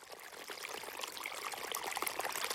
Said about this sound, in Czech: Nejdřív jako docela maličký potůček, kterého si všimla jenom jedna malá kachnička, a hned se v něm čvachtala a volala: koukejte, tady je nějaký malý potůček, to je legrace. Ale to už hrnec stekl jako veliký potok.